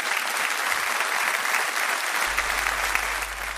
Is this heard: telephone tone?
no